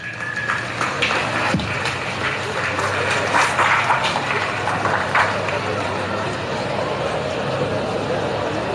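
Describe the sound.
A crowd at the Copa Estudiantil 2026 event applauds steadily and loudly for several seconds to welcome a speaker, a dense wash of clapping with sharper bursts scattered through it and a murmur of voices underneath.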